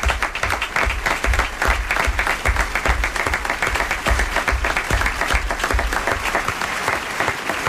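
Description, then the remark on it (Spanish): An audience applauds the cast of a performed story steadily and loudly, a dense wash of many hands clapping at once that continues without a break, with no voices standing out. “Aplauso para Pedro.”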